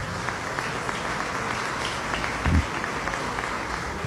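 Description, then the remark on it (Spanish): Steady applause from an audience, requested for the team of the Ministry of Agriculture and Land, fills the whole stretch, a dense patter of many hands clapping at an even level, with a brief low thump partway through and no one speaking. “Y bueno, quiero pedir un aplauso para todo el equipo del Ministerio de Agricultura y Tierra.”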